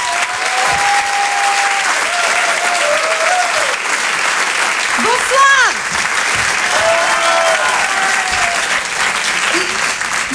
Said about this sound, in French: Je vous demande de l'applaudir très fort. Voici Laura Domange.